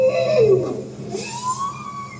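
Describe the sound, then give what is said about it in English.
A bowhead whale call recorded underwater in the Arctic with a hydrophone deployed from a research vessel: a loud tonal moan that slides downward, then a fainter rising whoop, over a steady low rumble and hiss, with no voices. “That's a bowhead whale.”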